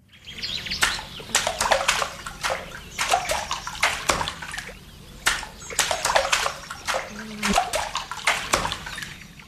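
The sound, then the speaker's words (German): A rhythmic pattern of sharp splashes and slaps as a paddle strikes water, repeating in groups with brief gaps between them, fairly loud with no voices. “dann macht ihr mir diesen Rhythmus bitte nochmal nach. Ihr müsst übrigens kein Paddel dazu verwenden”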